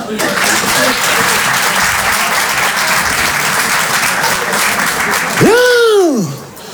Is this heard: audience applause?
yes